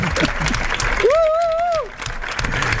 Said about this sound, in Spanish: Insólito también porque es la 1:32 de la madrugada y la plaza está abarrotada. Y porque este aplauso no dedica a nosotros, demuestra que hemos ganado a Bélgica.